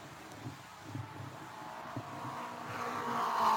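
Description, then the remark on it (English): The engine of race car Number 98, the Wagner Lockheed Brake Fluid Special driven by Bill Vukovich, runs as the car moves down through the pits and back onto the racetrack after a spin, under a wash of wind-like noise, with low rumbling pulses and a rising whine that grows louder toward the end. “He's in his car, and his car is running. He's coming down the front straightaway.”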